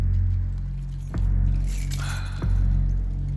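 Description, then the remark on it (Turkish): The keys to a pickup truck jingle and clink in a brief metallic flurry as they are handed over, framed by two sharp knocks, all over a steady low engine rumble with no one speaking. “Kamyonetinin anahtarlarını bana ver.”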